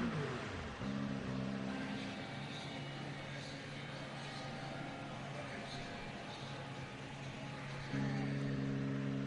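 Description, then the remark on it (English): Race cars roar past at the end of a race as the celebrations start, in a continuous loud engine drone, their pitch shifting as one car gives way to another, with a rough wash of noise underneath throughout. “Still getting some of the cars coming through as the celebrations start.”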